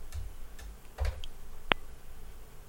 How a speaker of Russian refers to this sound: Тик-так, тик-так. Часики-то тикают.